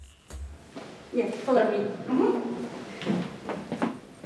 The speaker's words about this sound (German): Der Weg zu Dana Björk, er führt über knarzende Holzdielen